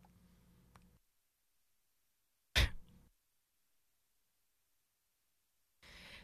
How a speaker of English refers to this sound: Sorry, I had to cough.